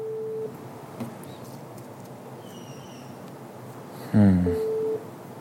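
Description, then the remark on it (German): Two short, steady electronic telephone tones, a busy signal, one at the start and one near the end, as someone phones through a list of companies. Between them is low background rumble and a brief muffled burst of sound. “Ich telefoniere mich durch.”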